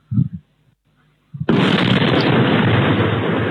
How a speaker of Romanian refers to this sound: În urma cercetărilor pe un teren din apropierea satului Colonița, au fost depistate fragmente de dronă. Explozia a fost auzită vineri dimineața în jurul orei 4 și 20 de minute în zona de sud-vest a satului Colonița spre direcția Tohatin.